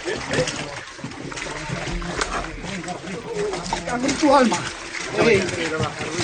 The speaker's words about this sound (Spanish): Se oye de fondo el chapoteo y los esfuerzos de los bomberos para controlar a los animales.